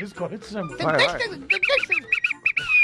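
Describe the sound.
After a moment of voices, a shrill whistle is blown in a quick run of short, rhythmic toots, then a longer sustained blast that bends at the end, loud.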